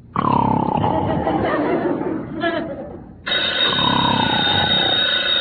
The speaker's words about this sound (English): The telephone. Answer it.